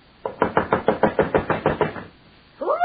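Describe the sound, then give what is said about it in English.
Someone pounds on the wooden door of the fortune teller Philomel with about a dozen loud, rapid knocks in a steady, insistent rhythm at 9:30. After a short pause a voice starts speaking. “You knock like the very devil's behind you.”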